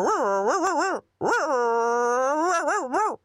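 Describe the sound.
A female colleague imitates a barking dog with two long, wavering, whiny yelps separated by a short pause, the pitch bobbing up and down. The imitation is loud and heard on its own.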